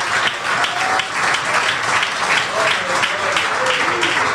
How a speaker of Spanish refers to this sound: Bueno, démosle ese aplauso al maestro si es que queremos aplaudir en esta hora.